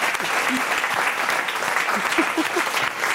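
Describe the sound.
An audience claps steadily, a dense wash of many hands at even loudness throughout, with faint voices and scattered cheers woven into the applause.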